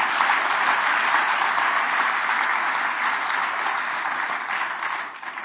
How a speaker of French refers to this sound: Alors, est-ce qu'on est en direct sur Radio Espérance? Eh ben oui, eh ben on peut applaudir les auditeurs Radio Espérance, mes amis.